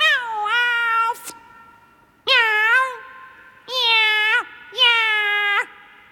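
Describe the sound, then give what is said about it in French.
A cat meows angrily four times, each call long, loud and strained, with brief pauses between the first pair and a steadier run of three at the end. “Là, on ne sent pas assez ta colère. Tu ne mets pas assez de force.”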